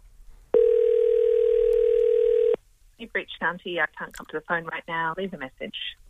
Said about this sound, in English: let's give Shanti a call. I've got a number. Let's dial it up.